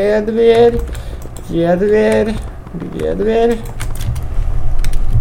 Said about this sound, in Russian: Дверь. Открываем дверь. Вот дверь открыта.